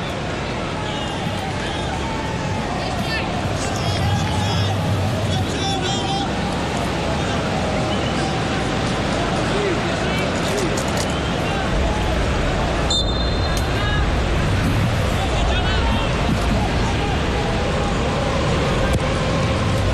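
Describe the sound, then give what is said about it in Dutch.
A sports crowd roars and murmurs in a steady, dense wash of voices that holds at a loud level for the whole stretch, with a few brief sharper whistles and shouts poking through. “Ja, er hoeft maar iets van een klein vonkje te zijn en het publiek leeft weer volledig mee.”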